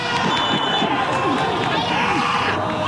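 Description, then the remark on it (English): A crowd at a local Iraqi Chaldean League soccer match, the first game of the summer, fills the air with a steady, loud wash of overlapping voices, shouts and calls rising and falling continuously, with no single speaker standing out. “I'm at a match for a local league, the Iraqi Chaldean League.”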